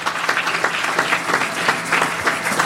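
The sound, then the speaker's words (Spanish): An audience applauds steadily, a dense, even patter of many hands clapping at a fairly loud level throughout, with no voices standing out. “Fuerte los aplausos, amados hermanos.”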